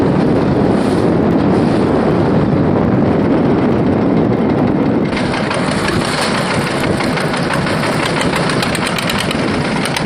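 Strong wind roars and buffets the microphone over a steady fishing boat engine rumble and rough, churning sea water, loud and continuous throughout with no voices.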